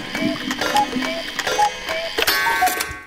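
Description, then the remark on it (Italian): A cuckoo clock calls several times, each call a two-note high-low pair, repeated in a steady rhythm over clicking, whirring clockwork. No one speaks. “Ascolta, adesso prendo quel cucù e te lo ficco nel culo, eh?”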